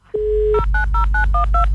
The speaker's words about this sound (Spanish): Uy, ya volvimos al módem. Mira. Tararara.